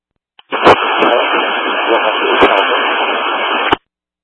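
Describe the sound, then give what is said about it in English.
A burst of radio transmission fills about three seconds with dense, crackling static and a garbled voice, opening and closing with sharp clicks of the mic keying on and off. “You've got a lot of static, but if you can stand by, it's on a financial schedule.”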